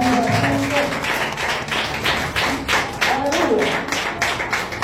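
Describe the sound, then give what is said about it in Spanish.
A church audience claps hands for Christ in dense, continuous applause, many overlapping sharp claps at a loud, steady level, with faint voices calling out beneath. “Con un fuerte palmas a Cristo.”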